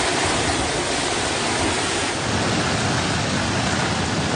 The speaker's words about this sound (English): Making landfall off eastern China, bringing 144-kilometre gusts and leaving entire towns deserted. Winds so strong with the downpours to match, hundreds of flights are cancelled and some high-speed railway services halted.